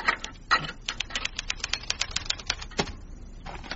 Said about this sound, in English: There, Ma. I have finished typing a little report on Mr. Spokes for Kizzy.